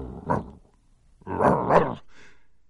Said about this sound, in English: She was kneeling down in the dark, putting the wreath on. She thought she heard a dog.